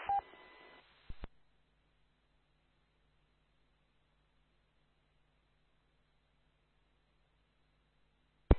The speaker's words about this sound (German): Rauschen, aber es klappt soweit